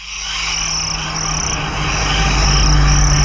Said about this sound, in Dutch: Ik heb je net het begin van een zomerhit laten horen. Krekelgeluiden.